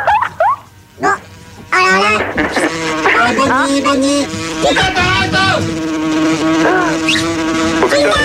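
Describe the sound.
Flies buzz loudly and close by in a steady, wavering drone that runs for several seconds, while people talk over the top.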